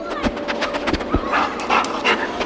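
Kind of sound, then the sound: animal, detection dog sniffing excitedly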